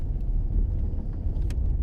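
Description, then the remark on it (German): A car drives away, its engine a deep, steady rumble heard for a couple of seconds, with no voices over it. “Nee, scheiße, er ist abgefahren.”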